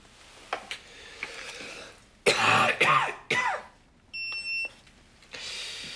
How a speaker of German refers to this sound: Ist das mit dem Husten schlimmer geworden? Aber seit der OP tut mir der Hals ein bisschen weh.